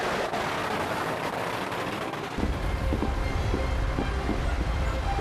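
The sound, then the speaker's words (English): Firecrackers set off from boats as the season opens at 12 exactly pop repeatedly in the background, a string of short sharp cracks spaced about half a second apart, half-buried under a steady, heavy rumbling roar that swells midway through. “And right now, as you can hear, firecrackers are going on in the background.”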